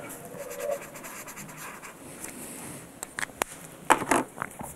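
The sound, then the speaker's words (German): A pencil scratches steadily across paper as a watch design is drawn by hand, with a compass drawing lines, then a few sharper, louder strokes near the end. No talking. “Stifte, Papier und ein Zirkel.”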